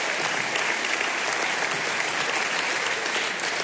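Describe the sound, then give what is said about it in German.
A crowd of people claps steadily, a dense, even wash of applause at full volume that holds without pause from start to finish, with no voices rising above it. “Sie können ruhig klatschen, wenn Sie möchten. Ich freue mich, wir freuen uns über das Geräusch.”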